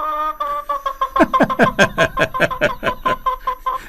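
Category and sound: animal, chicken clucking sound effect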